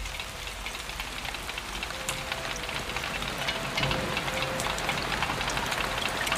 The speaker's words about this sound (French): Et j'entends la pluie me dire.